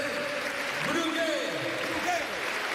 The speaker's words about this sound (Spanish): ahí la ovación del Ciutat, que grita Brugui Brugui a uno de sus capitanes